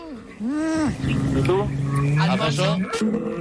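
A bull bellows loudly, a long, drawn-out, throaty call that rises and falls in pitch over a few seconds, with no one talking.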